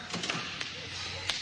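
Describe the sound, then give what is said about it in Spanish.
A door is shut with a few soft, quick knocks and clicks spread over a second or so, fairly quiet against a steady background hiss. “Cierro la puerta.”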